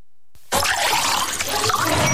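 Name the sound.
water poured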